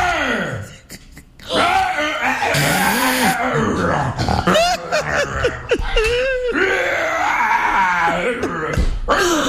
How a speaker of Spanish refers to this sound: Es una psicofonía.